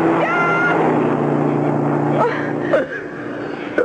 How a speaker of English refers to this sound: Oh, wait. I hear a car coming. He'll help us. I'll wave him down.